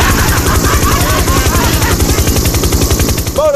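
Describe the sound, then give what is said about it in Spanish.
A helicopter passes overhead, its rotor blades beating out a loud, rapid, steady thumping chop with a rushing engine whine layered above it; it is the same helicopter Jonathan Velázquez was in, viewing the city's lighting. “es el mismo helicóptero que andaba el Jonathan Velázquez.”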